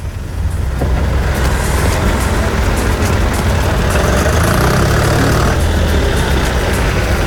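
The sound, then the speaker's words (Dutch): A tractor engine roars loudly and continuously at a tractor pull in Zevenhuizen, a deep rumbling drone with a harsh mechanical rasp, with no talking. “Oké, nou, zometeen komen we weer bij je terug bij de Trekker Trek daar in Zevenhuizen.”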